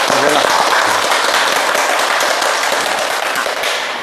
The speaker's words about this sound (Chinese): 我们掌声欢迎。